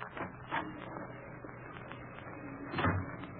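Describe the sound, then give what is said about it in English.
A door to the street opens with a short creak and rattle, then after a pause swings shut with a muffled thump. It's moderately loud, and no one speaks. “Through this door to the street, you said, Porter?”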